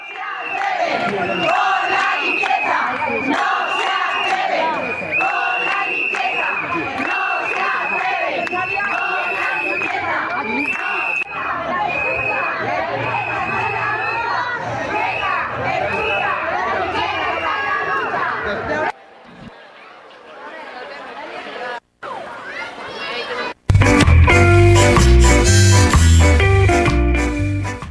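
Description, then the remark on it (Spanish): Hundreds of striking cleaning workers chant and shout together in loud, rhythmic bursts for about twenty seconds at the Ibercaja 150th anniversary event in Zaragoza, confronting mayor Natalia Chueca on the strike's third day; then the noise drops away before a brief burst of bright, dense music-like sound closes it. “En concreto, cientos de trabajadores de la limpieza llevaban este jueves sus protestas hasta el 150 aniversario de Ibercaja, donde han sorprendido a la alcaldesa Natalia Chueca”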